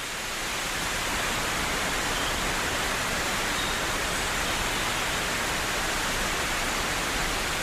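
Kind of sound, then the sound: nature, sudden rain shower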